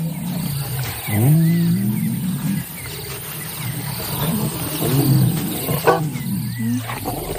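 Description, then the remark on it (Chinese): Two lion brothers, one named Mudi, lean close together and vocalize with low, rumbling groans and growls, two or three drawn-out calls rising and falling over a steady hum of insects and outdoor ambience. “多日未见的狮子兄弟亲密地靠在一起，穆迪瞬间就把启萨抛到了脑后。”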